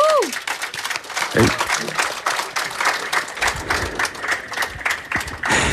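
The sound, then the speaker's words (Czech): A crowd at the Sadová kolonáda applauds steadily for several seconds, a dense patter of many hands clapping at once, with a short rising whoop at the start and a few voices mixed in. “Chceš slyšet, jak ti sadová kolonáda tleská?”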